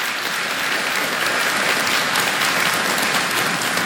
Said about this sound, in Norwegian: Det var, ja, ikke sant? Det fortjener en liten applaus.